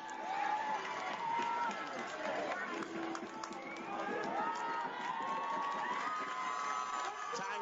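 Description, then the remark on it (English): A large stadium crowd at a football game roars steadily throughout, a dense wash of cheering and shouting voices that stays loud and continuous with no clear breaks. “Defensive line trying to get this crowd that's down in front of us that has been very vocal to step it up here on third down.”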